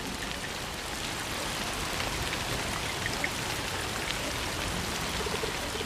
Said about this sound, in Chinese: 下雨天比我想象的要冷得多。 你没见过下雨吗？